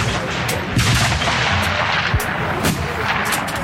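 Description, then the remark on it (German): Rifle shots crack out one after another at a busy 300-metre shooting range on the Rossboden in Chur, several sharp reports overlapping with echoes and a steady background rumble, with no talking. “Wir sind im 300-Meter-Schiessstand auf dem Rossboden in Chur. Der Gottfried Meier ladet sein Gewehr”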